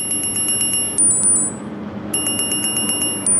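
A lifeguard's wrist watch alarm, triggered by an AI watching camera images of a leisure pool, beeps in rapid, high-pitched bursts, pausing briefly before starting up again, over a steady wash of background noise.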